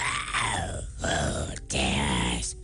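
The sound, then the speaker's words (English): A voice imitates a dragon's snoring with three long, rumbling, groaning breaths separated by short pauses. The sounds are loud, with no other sounds. “As soon as the dragon began to snore, his wife pulled out another feather and handed it to Henry.”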